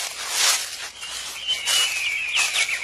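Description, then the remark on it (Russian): A pigeon arrives: bursts of fluttering, hissy noise come and go while a thin, high bird call slides gently downward near the end, moderately loud, with no one talking. “А ты, голубь, как залетел в наш заповедник?”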